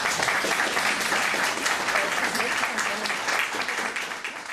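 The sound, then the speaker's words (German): An audience applauds author Romy Völk steadily, a dense wash of many hands clapping at an even loudness before easing slightly toward the end. No voices rise above the clapping. “Romy Völk, ein Applaus.”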